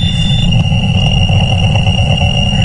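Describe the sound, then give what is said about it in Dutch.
A radio telescope signal from space, showing a huge peak at one frequency, turned into sound: a dense, steady low roar with a thin, high whine running through it, holding the same loudness throughout with no voices. “Het klinkt als een voorbijrazende trein.”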